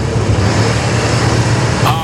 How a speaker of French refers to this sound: Alors, je vous refais écouter la voiture. C'était bien une voiture hein, qu'on avait tout à l'heure.